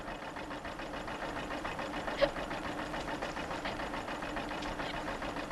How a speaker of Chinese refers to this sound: 拖拉机马上送你走。